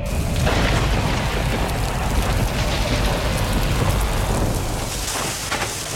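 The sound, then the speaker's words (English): Heavy rain pours down steadily while deep thunder rumbles and booms loudly throughout, with no voices. “If you heard that recently, don't ignore it today. Hail can bruise shingles, wind can lift tabs, and falling tree limbs can crack or even punch through your roof.”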